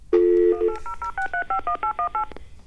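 A steady electronic tone at first, then a quick rhythmic run of about a dozen short telephone keypad beeps as a lottery phone number is dialed, each a two-pitch dialing tone, clear with no talking.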